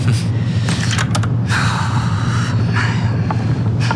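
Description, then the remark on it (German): A door on a ship is pulled shut with a few short knocks and clicks, set against a steady low rumbling drone that fills the background throughout. “Schließen Sie die Tür.”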